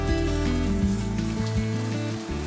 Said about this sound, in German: Deine Patrons. Brutzeln sie schon? Die brutzeln hier nicht so richtig. Die will ich jetzt mal hier unten auf die Kohle stellen. Da ist mehr Schmackes.